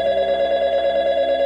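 A telephone rings with a continuous, slightly warbling bell tone that holds steady and fairly loud for the whole moment, with no voices over it.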